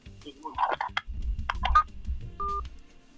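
Rustling, clattering handling noise on a phone line as a caller to a radio phone-in hangs up on the host, then a short steady electronic tone, leaving faint line hiss.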